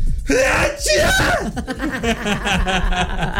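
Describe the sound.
A person loudly imitates the exaggerated sneeze of older men and women, with a strained, gasping wind-up and forceful bursts of breath, followed by breathy, chuckle-like vocal sounds.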